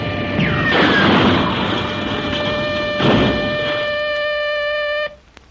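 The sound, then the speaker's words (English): A steady, high whine from a toy plane's motor runs throughout as the plane, its wings loose and floppy, goes to pieces. Two loud, noisy crashes break in, then the whine stops abruptly, followed by a brief sharp click and near silence. “The entire plane is going to pieces. It is. It is going to crash.”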